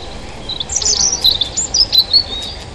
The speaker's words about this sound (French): Le poids plume du rouge-gorge au-dessus de moi, son sens de la mélodie et ses gènes de dinosaure me laissent bouche bée.